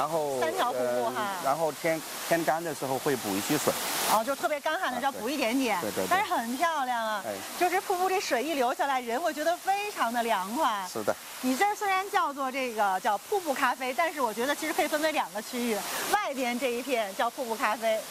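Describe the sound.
Steady rushing water from a waterfall fills the background, a constant hiss that sits beneath people talking almost continuously throughout.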